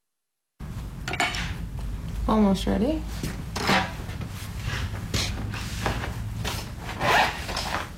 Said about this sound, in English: The sounds of a local artist drawing a charcoal portrait from life at Saw Studios in Carbondale.